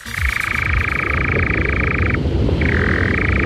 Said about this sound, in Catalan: No, no són granotes. No són granotes. Mira, us ha enganyat a vosaltres també. És una serp. És un ocell. És un ocell que es diu enganyapastors.